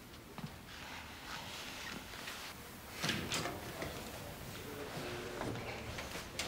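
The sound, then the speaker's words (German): A door is opened and shut as a doctor steps out, with a soft latch click and a clearer thud partway through, plus faint shuffling around it. “gehen Sie bitte vor die Tür.”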